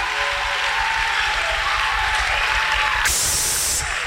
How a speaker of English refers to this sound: Give a better clap offering unto Jesus.